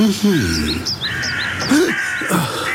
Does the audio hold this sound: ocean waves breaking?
no